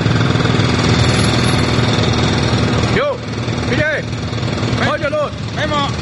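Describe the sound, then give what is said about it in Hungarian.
Steady, loud machinery roar like a construction site engine drones throughout, with construction workers' voices shouting over the din during the second half, picked up by a microphone left behind on the construction site. “személyesíti meg az építkezésen dolgozókat, akiket egy ott felejtett mikrofon segítségével hallhatunk.”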